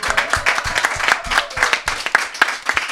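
A group of people applauding, a steady mass of overlapping hand claps with some sharper individual claps standing out, moderately loud and continuous for a few seconds with no talking.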